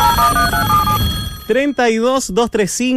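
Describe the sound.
A telephone rings for about a second and a half with a clear, trilling electronic tone, then stops as a loud voice takes over.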